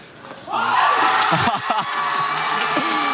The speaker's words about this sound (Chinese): 欢呼。